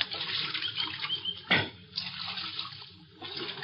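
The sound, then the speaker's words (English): Steady running water of Little Creek fills the scene, fairly loud, with a sharper splash partway through and a smaller one soon after, as riders who have climbed down from their horses get a drink of water. “And we climbed out from our horses and got a drink of water.”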